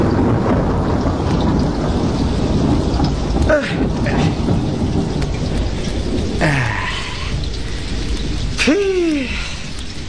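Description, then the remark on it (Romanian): Steady, loud rain hisses throughout a storm, with deep rumbles of thunder rolling underneath and a few brief sweeping tones cutting through at intervals. “Și eu mă lungesc sub tine să nu mă facă ploaia ciuciulitei.”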